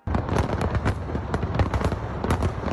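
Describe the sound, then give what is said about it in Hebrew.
A dense, continuous barrage of fireworks from a display over and inside the Eiffel Tower: rapid overlapping pops and booms crackling without pause, loud, with no voices. “אתמול חזו האורחים במופע מרהיב של זיקוקים, מעל ובתוך מגדל אייפל, וגם מופע פלאים של רחפנים.”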